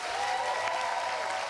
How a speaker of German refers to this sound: Ich war total überwältigt vom Applaus. Also das ist mega. Ich habe schon die Tage davor gehört, dass der Applaus ist eigentlich immer krass. Also auch von der Seite aus. Aber wenn man hier steht, dann ist es natürlich noch mal krasser.